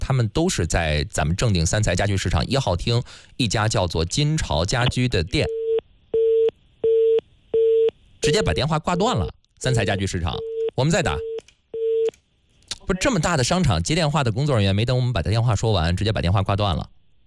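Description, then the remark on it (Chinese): A phone number is dialed in quick beeps, then a ringback tone pulses on and off several times in steady rhythm, as a Hebei Radio and Television traffic radio programme calls the Sancai furniture market in Zhengding. People talk before and after the call tones. “导播来给正定的三财家具市场打个电话”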